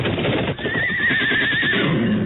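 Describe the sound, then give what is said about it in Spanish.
A horse, startled by a venomous snake, neighs loudly and shrilly, a long wavering whinny rising and falling over about a second, with restless hoof clatter and rustling underneath. “¿Qué te pasa, animal? ¡Mire, señor! ¡Mire lo que espantó su caballo!”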